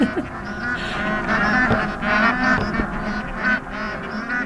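A flock of geese honks in flight directly over the summit of Mount Makalu, the fifth highest mountain on Earth, their nasal, overlapping calls coming in steady bursts of varying pitch over a continuous wash of sound, with no voices.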